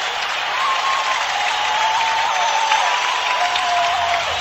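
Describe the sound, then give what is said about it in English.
A hockey arena crowd roars and applauds after Greg Johnson's power-play goal ties the game 4-4 for the Red Wings against the Sharks, a dense, unbroken wall of cheering that stays loud throughout, with faint high whistling tones drifting over it. “Listen to this crowd.”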